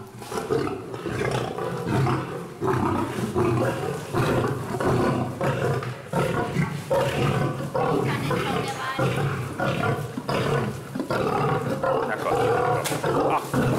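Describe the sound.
A lion and a tiger roar and growl loudly at the feeding of the big predators as the male lion is thrown his portion, deep rumbling calls overlapping in a steady, agitated stream, with voices talking faintly underneath.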